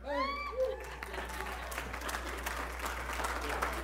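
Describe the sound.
A voice speaks briefly, then an audience breaks into steady, dense applause, a continuous crackle of many hands clapping that holds at a fairly loud level to the end.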